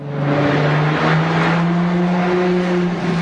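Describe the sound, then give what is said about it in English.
A powerful Ferrari sports car engine roars steadily, its deep harmonic growl holding loud and continuous for a few seconds with slight rises in pitch, no voices present. “Now, when you think of a Ferrari sports car, you might imagine this sound.”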